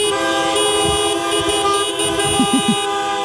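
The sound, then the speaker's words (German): Many car horns honk at once in a loud, sustained chorus of overlapping tones, a dense blaring wall of honking that continues steadily throughout without any talking. “vor sieben fragen wir uns hier bei Radio Essen, wenn Autos applaudieren könnten, würde sich das dann so anhören?”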